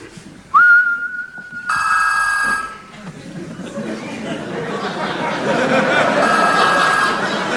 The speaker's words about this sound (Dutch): En nu, dames en heren, geeft de sleutelhanger, wanneer ik fluit, een signaal af aan de telefoon die vervolgens overgaat. Kijk, en de telefoon is luid genoeg, hè? Die hoor je heel duidelijk.